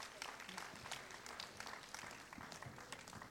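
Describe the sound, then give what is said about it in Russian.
An audience applauds steadily as the host of the radio programme Arteria appears at a live event, many hands clapping in a dense, continuous patter that stays fairly even throughout, with no pauses and no voices standing out. “А теперь сам, вот он материализовывается сам под бурные аплодисменты.”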